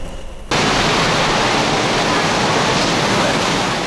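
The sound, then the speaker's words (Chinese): Hukou Waterfall on the Yellow River in Ji County, Shanxi, China, roars as the river narrows from 300-400 meters to about 50 meters wide and plunges over 30 meters into a rocky channel, a dense, loud, unbroken rush of crashing water that starts abruptly after a brief quieter moment and holds steady throughout. “壶口瀑布是黄河流域的一大奇观，黄河流经晋陕峡谷到达山西吉县境内，水面由300-400米宽骤然收缩为50多米，跌入落差30多米深的石槽中，形若巨壶注水，故名壶口瀑布。”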